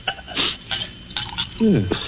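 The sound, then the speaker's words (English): Glassware clinks and taps a few times, then brandy is poured into a glass in a short gurgling stream whose pitch slides as the glass fills. “Then perhaps you wouldn't mind pouring me a little.”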